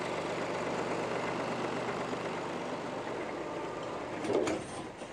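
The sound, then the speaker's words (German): A tractor engine runs steadily in the Spreewald as the tractor is taken to the Mutschenhof, a continuous low droning rumble with no voices, broken near the end by a brief, slightly louder clunk before the motor settles again. “Er muss seinen Trecker zum Mutschenhof bringen.”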